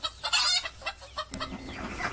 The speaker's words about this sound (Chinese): 母鸡四处逃窜，终难躲菜刀。